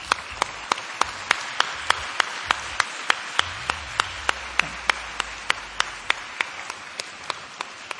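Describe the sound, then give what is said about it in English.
A room full of people applauds the honorees steadily for several seconds, a dense wash of clapping with one sharp, evenly timed clap standing out in a regular beat throughout. “Let us once again express our gratitude to all the honorees with a resounding round of applause.”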